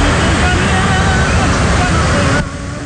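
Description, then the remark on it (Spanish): A heavy downpour roars steadily on Avenida Aztlán, with water rushing down a street that carries a lot of water and splashing in a dense, loud wash of noise that drops off slightly near the end; faint voices may sit underneath. “me reportan que está un aguacero, compadre, pero bruto, pasaba de lanza”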